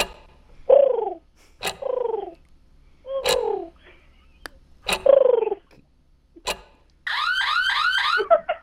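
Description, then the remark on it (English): A person imitates a pigeon call as a five-second talent, with a series of swooping, throaty coos separated by sharp clicking sounds, then finishes with a fast, high warbling trill. Fairly loud, with no talking. “I could do a pigeon call.”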